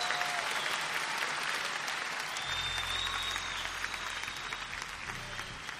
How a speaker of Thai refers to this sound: ขอเสียงตบมือด้วยครับ